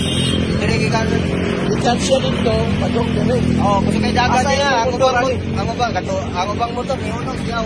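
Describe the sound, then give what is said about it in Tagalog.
A passing motorcycle engine rumbles steadily throughout, a loud low drone with people talking over it. “Motor.”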